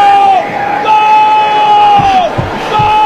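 A fan's long, sustained yell, picked up by mics behind home plate at a baseball game, rings out over the murmur of the stadium crowd, holding one loud, steady pitch with a few brief dips before carrying on.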